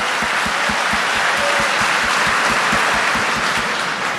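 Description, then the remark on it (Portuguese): A crowd applauds their husbands, wives and the couples beside them, dense clapping filling the air at an even loudness, with a regular low thumping beat running underneath throughout. “Aplauda o seu marido, aplauda a tua esposa, aplauda o casal que está do seu lado.”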